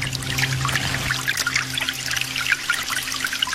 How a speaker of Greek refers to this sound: σε παρακαλώ πολύ με το νεράκι που τρέχει. Δουλεύω στο ισόγειο και η τουαλέτα είναι πάνω. Δύσκολο πράγμα.